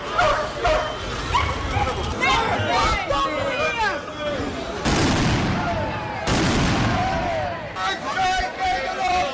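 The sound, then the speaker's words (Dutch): Police dogs bark and yip repeatedly as riot police with dogs and batons break up a protest at the Twenterand municipal building in the Netherlands, amid a loud, chaotic crowd din, with shouting voices and sharp bursts of noise cutting through the commotion. “Maar een deel bleef demonstreren en toen greep de ME in met politiehonden en wapenstokken.”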